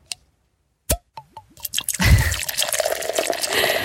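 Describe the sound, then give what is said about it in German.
A few separate drips plink into a glass, then a steady stream of lukewarm water pours in with a rising, gurgling fill, fairly loud, with no talking. “Oh, jetzt hat man Durst, oder? Hat jetzt irgendjemand keinen Durst? Oh, ich trinke jetzt ein bisschen lauwarmes Wasser gleich.”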